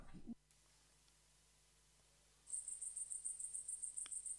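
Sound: crickets chirping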